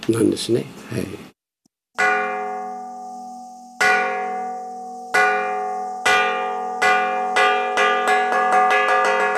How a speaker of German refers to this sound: Ortswechsel zum buddhistischen Tentokuji, einem 300 Jahre alten Tempel in der Stadt Akita. Die Gongschläge rufen zum Essen.